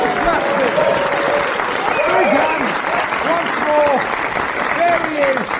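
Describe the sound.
Sustained audience applause, a dense, steady wash of clapping at full volume for several seconds, with a few faint voices and whoops rising above it.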